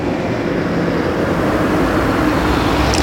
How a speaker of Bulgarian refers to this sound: Ситуацията на Югозапад вече се нормализира. Към този час продължава да има трафик, но той е доста по-слаб сравнено с обедните часове, когато той беше много по-интензивен.